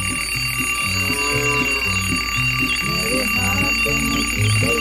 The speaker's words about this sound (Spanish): Duermen, por Dios, y es que apaga el despertador, ahí le suenan los 2 minuticos otra vez. No lo apague, levántelo a ver.